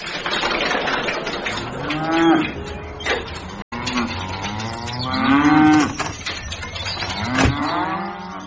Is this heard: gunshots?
no